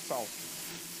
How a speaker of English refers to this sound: We fry these until they're golden brown, and then add them to the cornmeal.